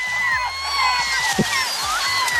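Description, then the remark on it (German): A dense chorus of gull calls, many overlapping harsh, wailing cries from several birds at once, fairly loud and continuous over a low rumbling background like a boat engine or water. “Ja, anstrengend auf jeden Fall, aber sie klangen tatsächlich eher wie Letzteres.”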